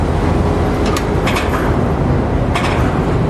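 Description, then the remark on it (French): Container port ambience at the end of the quay where a ship is moored, with containers stacked behind: a steady, loud low rumble of heavy machinery and engines, broken by a few brief, high metallic squeals and clanks from working cranes and trucks carrying containers. No one speaks. “Les grues font leur balai. À l'arrière-plan, il y a tous les conteneurs entassés.”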